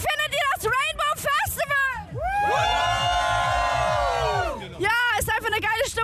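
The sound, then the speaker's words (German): A festival crowd at the Rainbow Festival at Fühlinger See in Köln, on a hot day, cheers and shouts: scattered excited voices yell, then a loud, sustained collective roar swells for a few seconds before breaking back into overlapping shouts. “Also ihr hört's, die Stimmung hier beim Rainbow Festival in Köln am Fühlinger See ist richtig klasse.”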